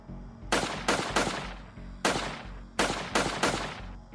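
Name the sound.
several gunshots fired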